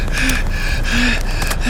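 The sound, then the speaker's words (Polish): Quick, sharp intakes of breath come in short bursts over a steady droning hum with faint whistling tones, fairly loud throughout. “Czekam. Oddech.”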